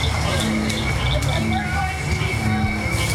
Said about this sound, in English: As the sky turns dark and the barely worn path is lit up by headlamps, more and more frogs start to sing.